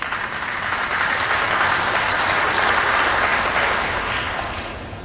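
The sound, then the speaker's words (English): A crowd applauds steadily for about five seconds, the clapping dense and fairly loud throughout, swelling slightly in the middle before tapering off at the end. “I hope that those of you who didn't clap also agree.”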